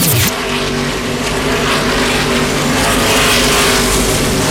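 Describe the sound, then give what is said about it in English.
Racing trucks roar steadily around Richmond Raceway, 18 of them on the lead lap, a loud, continuous engine drone with droning harmonics and broad crowd-like wash, no pauses, no voices. “Welcome you back to Richmond Raceway. 18 trucks remain on the lead lap.”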